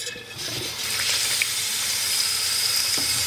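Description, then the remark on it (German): Water pours steadily into a pot of salted cabbage with caraway for a few seconds, a continuous splashing hiss with no one speaking. “Und dann tun wir da Wasser drauf.”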